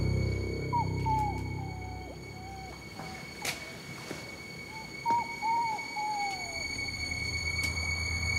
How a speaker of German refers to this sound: Ich habe plötzlich ein Winseln gehört. Und dann wollte ich gucken, woher das kommt. Ja, das ist ein Hund, um den ich mich gleich kümmern muss.